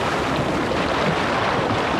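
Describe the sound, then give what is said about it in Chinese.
A steady roar of ocean surf with wind rushing over it, continuous and fairly loud for the whole stretch, with no voices. “这大海又说了，庄好好，祝你生日快乐。”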